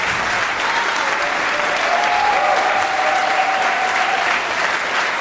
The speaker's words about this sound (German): Und am Ende der Sendung dürfen gerne alle Künstlerinnen und Künstler des Abends noch einmal den Applaus entgegennehmen der Sendung.